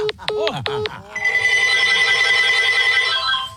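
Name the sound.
telephone ringing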